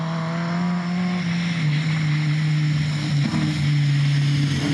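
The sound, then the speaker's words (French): The engine of a vintage DS competition rally car with 212 horsepower, driven on a rough dirt track, drones steadily, a loud, buzzy hum whose pitch dips and rises slightly as it runs, with a faint whine on top and no one talking. “Voilà, le moteur il miaule.”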